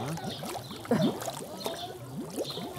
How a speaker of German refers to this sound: Was da blubbert, ist die von Algen verstopfte Wasserpumpe. Je weniger Wasserzirkulation, desto mehr Algen.